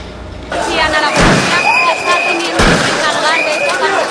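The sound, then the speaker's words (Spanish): Two sharp gunshots fired into the air crack out about a second apart over a loud, agitated crowd during a stampede of migrants in Ceuta, a Spanish territory in North Africa, with shouting voices and a few whistle-like tones throughout. “Una estampida, disparos al aire y varios heridos fue lo que se vivió hoy en Ceuta, un territorio español en el norte de África.”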